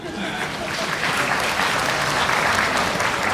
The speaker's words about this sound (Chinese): 非常感谢您的掌声。 哎，奇怪的是，掌声突然就停了下来呢。